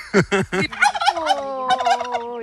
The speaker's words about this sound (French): Ah, le jardin des mystères avec ses dindons, vous l'entendez, c'est ouvert rue de Miré à Ballon-Miré.